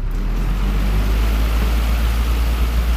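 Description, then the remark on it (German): An electric fan runs steadily in an attic flat in Zitzers on a warm night, giving a constant airy whoosh over a deep, low hum. The drone stays even and unbroken throughout, with no voices. “Ja, das klingt ja so ein bisschen wie im Flugzeug mit dem Ventilator.”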